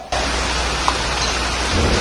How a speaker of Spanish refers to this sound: La lluvia seguía sin parar y pudo arropar su voz.